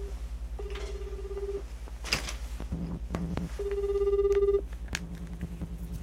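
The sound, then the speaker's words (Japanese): A telephone ringback tone purrs twice while calling a contemporary sumi-e (ink-wash) artist, each steady tonal burst lasting about a second, with a low persistent hum and a few clicks and knocks between the rings; the call goes to voicemail. “今日ね安保さんからも、連絡が来てて、安保さんどうしてるかな、ちょっと電話してみるかね。”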